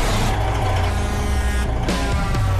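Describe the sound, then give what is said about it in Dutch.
Heavy truck engines at a truck run rumble to life and rev loudly, a deep continuous diesel drone whose pitch rises and dips, with a hissing, rattling mechanical edge and no talking. “Start de motoren.”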